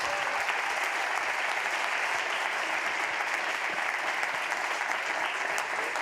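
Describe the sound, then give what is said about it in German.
A crowd applauds all the nominees steadily throughout, a dense, even wash of many hands clapping at a constant moderate loudness with no voices standing out. “Großen Applaus an alle Nominierten.”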